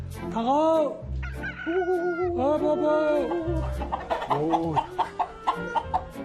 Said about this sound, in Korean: 여긴 토종닭이네, 토종닭.